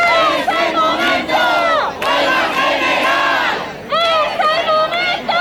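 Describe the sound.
A large street protest crowd in Spain, protesting the parliament's rejection of the Sanchez government's housing emergency decrees, chants loudly in rhythmic bursts of many voices, the shouted phrases rising and repeating, with a brief dip before it swells back up.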